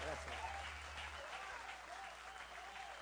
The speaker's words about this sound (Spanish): Que se escuche fuerte el aplauso